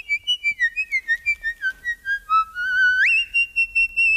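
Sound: very high-pitched whistle-like tone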